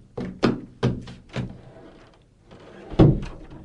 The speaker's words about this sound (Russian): Мама, мама, кто-то стучит в дверь. Я слышу, детка.